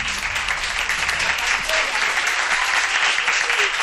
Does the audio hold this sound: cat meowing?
no